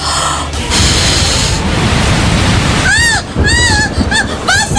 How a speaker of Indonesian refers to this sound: Hujan. Wah, hujannya gede banget.